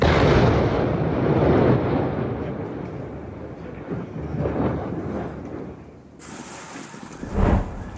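Israeli artillery shelling targeting the outskirts of the town of Kfar Jouz, north of Nabatieh in southern Lebanon, rumbles in a sustained, heavy low roar, with a sharper booming burst near the end. No voices are heard.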